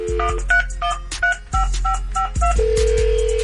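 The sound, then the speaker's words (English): A quick run of about eight clear touch-tone keypad beeps as a phone call is dialed, followed by a steady sustained tone as the line connects, with a low hum underneath. “If you out there listening, your phone about to ring.”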